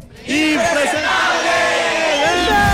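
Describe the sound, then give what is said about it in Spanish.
A live audience in Bucaramanga shouts "Impresentables!" together in one loud, sustained roar, many voices blending into a single chanted yell that holds steady for a couple of seconds before trailing off. “cuando yo diga tres, todos vamos a gritar impresentables.”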